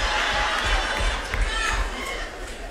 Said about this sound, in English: Y'all screaming that out like we was at Family Feud.